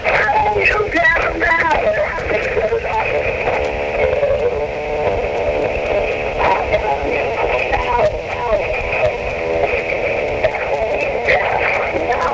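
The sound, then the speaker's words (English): A radio broadcast plays through a phone line on an answering-machine message left Saturday at 3:27 p.m., sounding thin and tinny, with a steady stream of voices and music-like tones at an even loudness for about twelve seconds. “I just had to let you know what phone is on the radio right now. Listen.”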